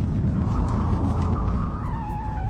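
A car skids loudly for a few seconds after its tires are punctured by sharp hoof nails thrown onto the road, tires squealing over a heavy rumbling roar, the screech sliding slightly lower in pitch toward the end. No one speaks.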